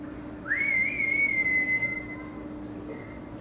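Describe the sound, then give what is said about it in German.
An animal keeper gives one long, loud whistle to call an animal, swooping up and then holding a steady high note before trailing off, with a low background rumble and no talking. “Man muss laut rufen und gut pfeifen können.”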